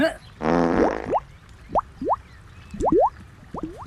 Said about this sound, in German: Moment, ich springe ins Wasser und hänge mich hinten ans Boot dran. Und jetzt werde ich alleine durch Pupsen das Boot auf über 30 Stundenkilometer beschleunigen.